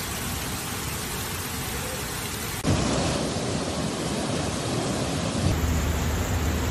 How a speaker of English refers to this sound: Torrential rain hits the Spanish cities of Barcelona, Valencia, and Spain's eastern Mediterranean coast after the country's hottest summer on record, submerging streets.